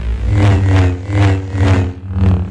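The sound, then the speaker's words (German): A Star Wars lightsaber hums with a low, steady buzzing drone, swelling into four loud whooshing surges at a fairly even pace as if swung back and forth. No one speaks. “Für mich hört sich das an wie so eine nervige Mücke, die an meinem Ohr vorbeifliegt.”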